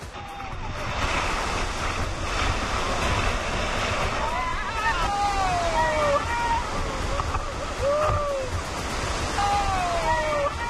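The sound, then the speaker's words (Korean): River rapids on the rafting section of the upper Nakdong River, in a huge canyon. Water coming down a steep channel turns into rough rapids each time it strikes the rocks: a loud, continuous roar of churning water breaking over rocks, with a voice speaking over the rush in the second half. “가파른 물길을 타고 내려온 강물은 바위에 부딪힐 때마다 거친 급류로 변합니다.”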